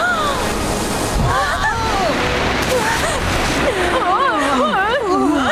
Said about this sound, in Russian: О, вот еще одна волна!